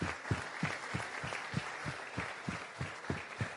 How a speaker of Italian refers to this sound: Io voglio ringraziare innanzitutto voi ragazzi, perché stare qui dalle 3, prestare questa attenzione con tutti questi relatori, meritate voi un applauso da parte nostra. Quindi grazie.